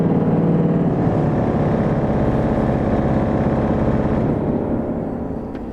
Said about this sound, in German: Mal klingen die wie Trompeten und mal viel weicher. Und wenn Winfried die Fußpedale nutzt, dann werden die großen 12-Meter-Pfeifen angespielt.